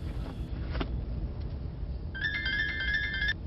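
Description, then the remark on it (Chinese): A phone ringtone for an incoming call chirps for about a second, a bright electronic trill rising clearly over the steady low rumble of a moving car on the way back, with no one speaking. “白雪梅在回去的路上接到了电话”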